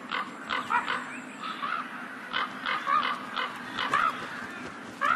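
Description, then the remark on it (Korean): Ravens at a dead animal in harsh winter croak over and over, about a dozen harsh, raspy calls in quick irregular bursts, some overlapping, above a steady low hiss, with no one talking. “하지만 이들의 움직임과 울음소리는 다른 동물들을 불러들이죠.”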